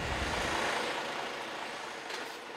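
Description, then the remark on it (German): A garbage truck rolls slowly along a narrow one-way street in the Kaiserbäder resort towns, its engine giving a steady, low rumble with broad road noise and no voices, easing off slightly toward the end. “Müllwerker René muss wie so oft eine Extrarunde drehen. Und das ist mit seinem LKW in den schmalen Einbahnstraßen der Kaiserbäder nicht immer ganz so einfach.”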